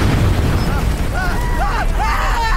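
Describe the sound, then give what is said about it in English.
A machine bursts into flames with a loud, steady roaring rush that fills the whole clip. Wavering high squeals or cries rise and fall over the roar in its second half. “Oh, no, the machine's caught fire.”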